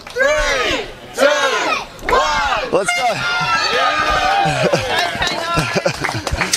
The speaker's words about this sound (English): Now, somebody needed to take some leadership, and I feel like I did that because we were all cheering, we were all clapping, but then I actually forgot, we need to do the countdown.